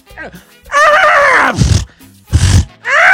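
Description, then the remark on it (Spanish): A loud voice imitates a horse neighing: a wavering, descending whinny followed by breathy, snorting bursts and a second rising cry, all in quick succession. “Espérese, ahí viene mi caballo.”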